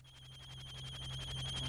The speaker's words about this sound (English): Hold on. Let me get the phone.